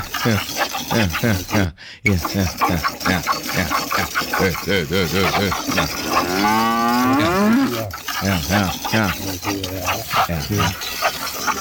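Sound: cow mooing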